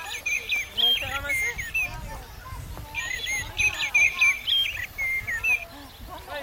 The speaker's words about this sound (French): C'est pas plutôt un merle noir? Avec le bec jaune. C'est un merle noir. Comment tu le reconnais? Parce qu'avec son bruit.